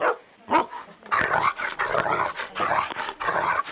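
A dog that has picked up the phone barks down the line in a rapid, excited string of loud yips and woofs, heard as if over a telephone line, with no one talking.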